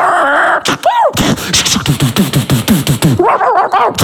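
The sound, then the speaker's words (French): A dog barks in a quick, loud series of sharp yaps, ending in high, pained whimpers and yelps. “Il aime pas les chiens.”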